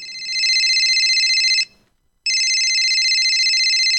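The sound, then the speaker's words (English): A telephone rings loudly for an incoming call, two long warbling electronic bursts separated by a brief pause, with no voices present. “Thanks for ringing the show.”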